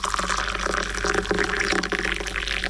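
A steady splashing pour of milk into a cup of tea, continuous for a few seconds with a trickling, bubbly texture and no voices over it.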